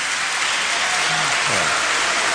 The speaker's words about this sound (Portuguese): Depois da votação, os deputados da esquerda levantaram-se a aplaudir e dirigiram-se a quem estava nas galerias, que também aplaudia, uma atitude condenada pelo presidente do Parlamento.